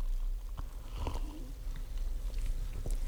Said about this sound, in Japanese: 炭酸の音。 でもね、先ほどの吹き出しで相当来たと思う。